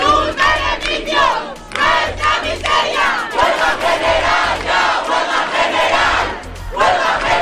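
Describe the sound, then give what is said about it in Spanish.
A large protest crowd, camped for days in the Puerta del Sol, chants loudly in unison at the doors of the Congress in Spain during a vote, voices rising and falling in rhythmic bursts with brief pauses between phrases, sustained for several seconds with no single speaker standing out. “La multitud que llevaba días acampados en la Puerta del Sol seguían el minuto a minuto de la votación a las puertas del Congreso.”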